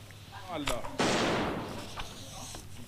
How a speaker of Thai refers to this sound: พิธีกรสถานีโทรทัศน์ทางการอิหร่านยิงปืนใส่ธงชาติสหรัฐอาหรับเอมิเรตหรือ UAE ระหว่างการจัดรายการฝึกอบรมการใช้อาวุธปืนที่ออกอากาศเมื่อวันศุกร์ที่ผ่านมาตามเวลาท้องถิ่นค่ะ